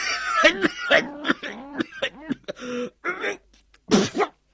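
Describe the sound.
A voice telling a story imitates an old man's coughing fit: a run of strained, rasping coughs and throat-clearing sounds, fairly loud, ending in a harsh final burst.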